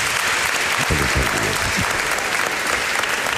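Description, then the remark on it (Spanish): Steady audience applause in Cervera, given spontaneously before Andrés Aberasturi entered, fills the whole clip, a dense wash of many hands clapping at even loudness, with a brief murmur of voices rising faintly underneath partway through. “Pero no, pero si te han aplaudido espontáneamente antes de que entraras, a veras.”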